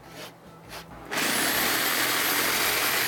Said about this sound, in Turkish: bak bunu da zımparalayacaksın. Zımpara işi bana kitlendi bugün.